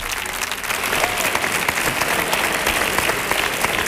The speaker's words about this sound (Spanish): ¡Fuerte el aplauso